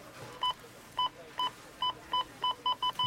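A Rona store checkout scanner beeps nine times, each a short, identical electronic tone, coming faster and faster toward the end over a faint background hum.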